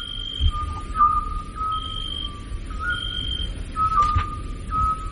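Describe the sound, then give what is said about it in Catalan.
A scops owl calls: a mellow, pure whistled note repeated at intervals of about three seconds, heard over a low, steady rumble with no voices. “Això em consta que és un xot, que seria un mussol, no?”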